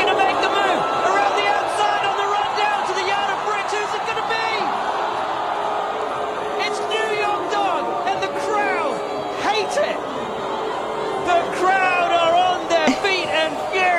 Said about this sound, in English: Crowd is furious. Boo, the New York Dog won.